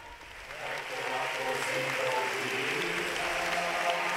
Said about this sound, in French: L'Assemblée qui applaudit après cette visite historique.